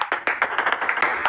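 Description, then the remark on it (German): A table tennis ball bounces in a quick, uneven string of crisp clicks, about ten taps tapping out a message in Morse code, clear with no voices. “Dann interessieren Sie sich entweder für Morse-Tischtennis oder es liegt daran.”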